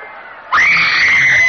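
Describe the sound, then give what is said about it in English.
A crowd's murmur suddenly erupts into loud, sustained high-pitched screaming from many voices, holding steady at full volume with no speech: the carnage outside King Priam's palace as the Greeks, out of the horse, come through the open gates. “In the palace, Priam listens to the carnage outside with growing alarm.”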